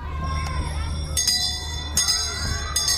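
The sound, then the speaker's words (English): School bells ring out in three bright, metallic strikes that linger with a shimmering tone, sounding over a low background rumble and faint murmur. “educational bells are ringing.”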